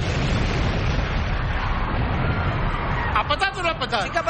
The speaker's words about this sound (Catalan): Tal com estava previst, la bomba peta a les 21:15. Ni un segon més tard.